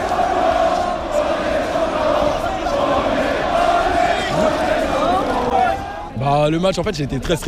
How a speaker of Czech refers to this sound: Tisícovky lidí na bulváru Champs-Élysées propukly v jásot, rozeběhli se, začali tancovat, skandovat: my jsme šampioni.